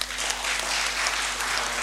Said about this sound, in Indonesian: Dengan demikian, rapat paripurna secara resmi saya nyatakan dibuka dan terbuka untuk umum. Tepuk tangan dong.